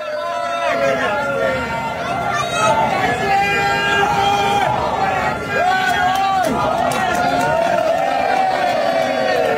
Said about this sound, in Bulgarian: На разпространени кадри се вижда как униформеният служител взима гайдата и се опитва да изсвири няколко тона. Да я да чуем.